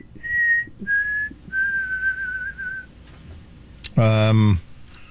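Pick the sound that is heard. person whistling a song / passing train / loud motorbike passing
person whistling a song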